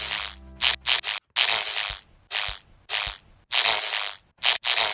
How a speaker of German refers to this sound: Der Marienkäfer. Das ist der Marienkäfer.